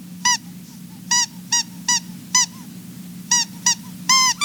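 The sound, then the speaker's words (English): A squeaky toy mouse for a cat squeaks about nine times in short, sharp, bright bursts at an uneven pace, fairly loud over a steady low background hum. “Look, it's a squeaky mouse.”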